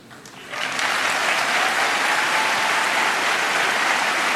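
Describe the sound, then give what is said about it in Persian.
A large audience, asked to stand, breaks into loud, sustained applause for those killed in Iran's national uprising; it swells within the first half second and holds steady as a dense wash of clapping, with no voices standing out. “بار دیگر از شما تقاضا می کنم و از طرف میلیون ها هموطنتون در داخل ایران بار دیگر بایستید و آنان را تشویق کنید.”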